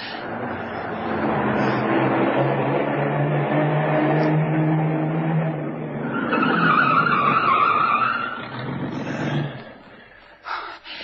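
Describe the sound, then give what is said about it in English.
A car engine rumbles, then tires squeal in a sustained skid as the car brakes hard, the screech fading out as the vehicle comes to a stop. “We can hide the car in there. Good idea, kid. Drive in there and stop.”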